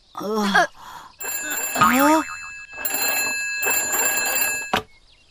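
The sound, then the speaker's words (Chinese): A telephone rings in three bright, bell-like bursts separated by short pauses, loud, with brief voice sounds near the beginning; the caller is asking whether fresh soup can be delivered. “有人打电话来问有没有鲜汤外送。”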